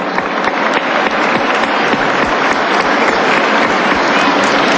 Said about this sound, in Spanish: Quiero reconocer esta acción del Gobierno Nacional y un aplauso, por favor, a él.